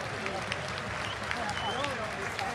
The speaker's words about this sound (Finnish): Kiitos paljon. Annetaan aplodit voittajalle.